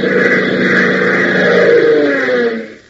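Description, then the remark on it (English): The steady, powerful roar of an aircraft's twin jet engines rumbles loud for a few seconds as the aircraft climbs toward stratospheric heights. Its droning tones shift slightly in pitch before quickly fading out at the end. “up into the sky and, with a powerful thrust from its twin jets, streak toward stratospheric heights.”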